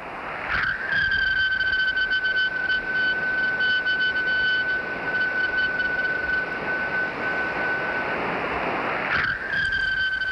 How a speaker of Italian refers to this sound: Avete mai ascoltato una meteora? Per la precisione, questa è la voce di una Perseide.